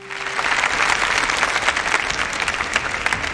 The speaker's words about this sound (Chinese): 说到了殷墟，我们要用热烈的掌声